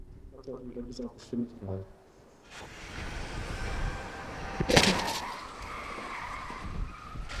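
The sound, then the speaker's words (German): After a brief voice, a truck roars in at 64 km/h during a crash test on company grounds in Münster, then slams into a barrier made of a car with one loud, sharp crash, followed by grinding, scraping noise as it settles. “Mit 64 Sachen rast der LKW auf die Absperrung zu.”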